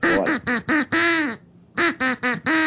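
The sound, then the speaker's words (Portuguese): Loud duck quacks following a sung melody: four quick quacks and a long drawn-out one, a short pause, then four more quacks in the same bouncy rhythm. No talking. “Então preste atenção, porque o Pato está cantando uma música.”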